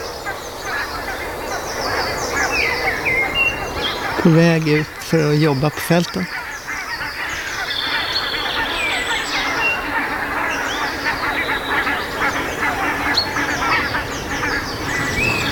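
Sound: geese honking flying overhead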